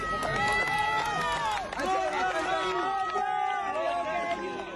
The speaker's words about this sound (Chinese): 救援人员用担架将男子缓缓抬出，现场爆发阵阵欢呼。